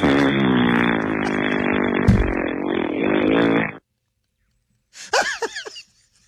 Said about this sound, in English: If that happens to me at a grocery store and they cover me all up with baskets and stuff, I hope I'm full of a bunch of gas and just for 4 hours just rip these big, long, smelly zombie farts.